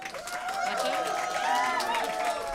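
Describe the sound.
Audience applause for musicians after their performance at an evening event, a dense steady patter of many hands clapping for a few seconds, with overlapping voices and possible cheering mixed in throughout.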